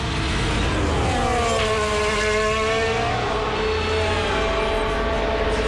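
Stroll's Formula 1 car drives out of the pits, its engine whining loudly and continuously, a layered, buzzing tone rising and shifting in pitch over a steady rumble, with no one talking.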